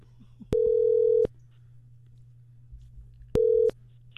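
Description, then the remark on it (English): A telephone ringback tone for an outgoing call: two steady electronic rings separated by a long pause, the second cut short, over a faint low hum with no voices. “So I called her.”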